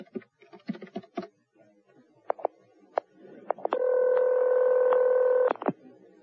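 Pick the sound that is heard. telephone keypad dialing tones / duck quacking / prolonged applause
telephone keypad dialing tones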